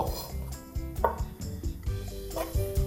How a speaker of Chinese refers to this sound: 然后这帮你帮我剥小，然后我来切这个纽扣干香菇。